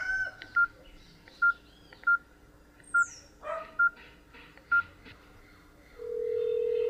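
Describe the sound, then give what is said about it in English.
A phone number being dialed to call check-in: seven short, clear keypad beeps at a fairly even pace, then a steady ringing tone. A brief rough noise, like a dog bark, cuts in between the beeps. “I'm gonna call check in.”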